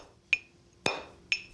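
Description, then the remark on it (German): Three sharp, ringing metallic strikes of a hammer on a chisel against stone, as in hewing a gravestone's shape and inscription by hand, spaced about half a second apart, fairly loud, each with a brief bright ring and no voices. “Früher wurden Steinform und Inschrift mit Hammer und Meißel gehauen.”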